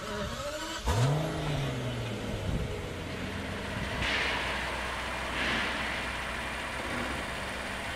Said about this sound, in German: So ein, also in der Klasse, ein Rolls-Royce. Wenn ich keinen Schaden sehe, steige ich ein, fahre das Auto in dementsprechenden Platz und mache den Flug bereit.